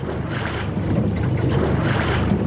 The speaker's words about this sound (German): Lautlos gleitet der Katamaran über das Wasser. Das Boot mit den zwei Rümpfen ist etwas ganz Besonderes.